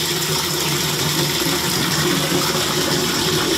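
Water runs steadily into containers, a continuous rushing, splashing stream close by with no pauses or speech, filling buckets and basins.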